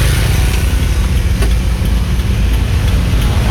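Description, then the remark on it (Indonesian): Steady roadway noise dominated by low engine rumble, with cars and motorcycles idling or crawling in congested traffic on Jalan Karangduren in front of SD Karangduren elementary school, slowed after an accident between a tosa three-wheeler and a motorcycle; continuous and fairly loud, no talking. “Kondisi lalu lintas agak tersendat.”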